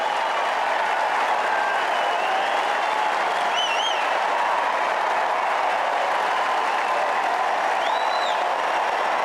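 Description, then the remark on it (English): Sustained, dense applause from a large crowd on centre court at a tennis match, an ovation after wild card Arthur Ferry's 6-4, 7-6, 6-0 upset of a world top-ten player, a steady loud wash of clapping with a few whistles rising briefly above it, no speech. “And just listen to the crowd's ovation.”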